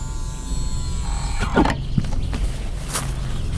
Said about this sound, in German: Ah, das Tor geht auf. Man hat uns bemerkt.